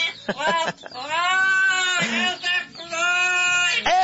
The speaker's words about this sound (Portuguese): Tem como, irmão, colocar para mim aí o papagaio aí? Calma aí, homem. Som do papagaio, põe pra mim, irmão.